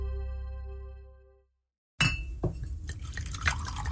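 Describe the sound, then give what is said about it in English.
A sustained ringing tone fades to silence, then whiskey splashes and pours into a glass, with faint clinks and gurgles over about two seconds. “The sound of whiskey pouring into a glass.”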